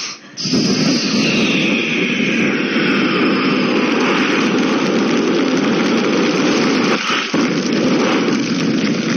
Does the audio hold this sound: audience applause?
no